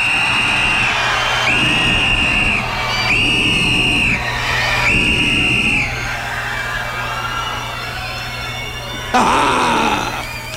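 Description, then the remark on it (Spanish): A large crowd at the Carlos Vieco, at an event with bands, cheers and screams loudly and continuously on a count of three, making the biggest noise it can, with piercing shrill whistles or shrieks rising out of the roar in several bursts and a fresh swell of screaming near the end. “me van a regalar la bulla más grande que ha visto el Carlos Vieco, porque estamos aquí haciendo ruido gracias a ustedes y a todas las bandas y a los rodis y a los voluntarios, a la Cruz Roja.”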